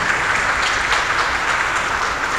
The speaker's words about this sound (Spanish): Fuerte aplauso, muchas felicidades.